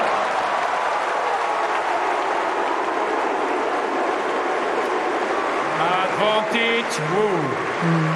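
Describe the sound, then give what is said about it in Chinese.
A tennis arena crowd cheers in a steady, loud roar; toward the end, voices rise above it in a rhythmic, sing-song chant of tennis player Wu Yibing's name, with rising and falling pitch. “现场又是一片欢呼声啊，大家都在叫着吴亦丙的名字啊。”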